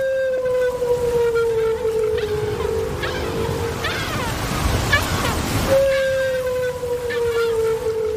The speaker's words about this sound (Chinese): 丽萨的水听器捕捉到了大赤鲸在水下的叫声，扬声器中传出了大赤鲸悠长的叫声。这种声音听起来像是来自外太空，但丽萨似乎明白其中的含义。